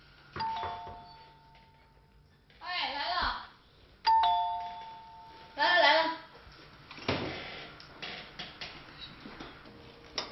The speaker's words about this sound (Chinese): 马玲按响了钱家的门铃，吴芳芳为她开了门。